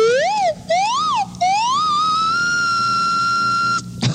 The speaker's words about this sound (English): And now I play the whistles. First one whistle. And then I play my slide whistle.